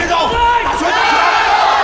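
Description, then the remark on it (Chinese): A loud arena crowd of spectators at a China–Japan match roars and shouts continuously, a dense wall of cheering voices with excited yells rising above it, filling the whole stretch without a break. “其实比赛从一开始到现在，我的感觉是有点乱，可能也是被现场我们观众的这种热情啊有点干扰到。”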